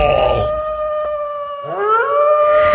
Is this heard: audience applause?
no